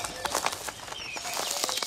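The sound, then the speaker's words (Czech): Birds chirp in short, thin calls over a busy flutter of wings, the soft beating bursts coming close together, with no voices. “Děkuju vám, ptáčkové.”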